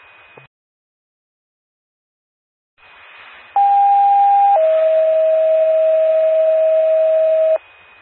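Two-tone paging alert over radio static during a test of the Cooper County 911 paging system: a steady higher tone holds for about a second, then drops to a lower tone held for about three seconds before cutting off abruptly.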